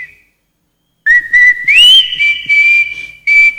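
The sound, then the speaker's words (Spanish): A person whistles in the cold: a brief faint note, a pause, then a loud sustained whistled tone that swoops up slightly and holds steady, with breathy pulses, and no talking. “Esa silbadita parece del amigo del profesor Hermino Castillo”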